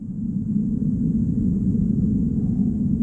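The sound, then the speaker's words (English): An eerie ambience sound effect played from a soundboard: a dark, steady drone of dense low rumble holding at constant loudness, with a thin, faint high whine hovering above it and no voices. “What's the eerie ambience?”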